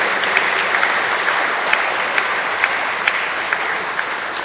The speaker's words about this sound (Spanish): Un fuerte aplauso al Señor de los milagros.